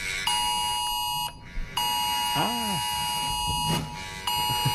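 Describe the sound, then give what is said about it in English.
A mobile phone emergency alert sounds loud during a test sent to millions of phones across Australia: a harsh, sustained buzzing tone that cuts out briefly and restarts several times, with faint background noise beneath it. “Millions of Australian mobile phones and devices have been sent an emergency warning signal as part of a test of the new Oz Alerts system.”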